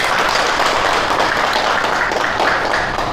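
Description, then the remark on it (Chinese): A group of people clapping to welcome a new colleague joining the marketing department, a steady, dense round of applause that stays loud and even for a few seconds, with no speech over it. “今天呢，我们市场部有一位新同事要加入， 大家鼓掌欢迎。”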